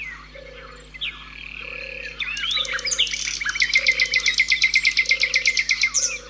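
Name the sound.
common nightingale singing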